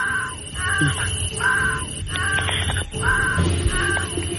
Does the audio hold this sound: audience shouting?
no